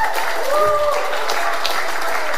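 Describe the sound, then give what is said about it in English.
An audience claps loudly in a dense, steady burst of applause, giving the Lord a hand clap and a shout of praise, with raised voices shouting and cheering over the clapping throughout. “Just take 3 seconds and give the Lord a loud hand clap and a shout of praise.”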